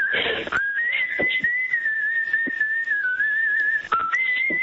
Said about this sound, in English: Wow. Very good. And he got a certificate for his whistling as well. You don't hear people whistling enough these days.